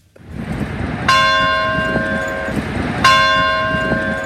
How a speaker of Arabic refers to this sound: أجراس الكنائس تقليد عريق يعتبر جزءا من حياة الناس اليومية في البلدان التي يدين غالبية سكانها بالمسيحية، لكن أن تسمع صوت جرس الكنيسة على رأس كل ساعة في مدينة مغربية فتلك حكاية قد تبدو غريبة إلى حد ما.